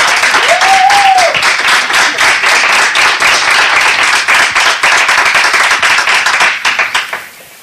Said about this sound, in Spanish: Nuestro público, al que le voy a pedir además que se haga notar, pues yo que sé, con un aplauso, dice que se está mejor aquí, en el Ayuntamiento de Canicosa, que ya en la calle.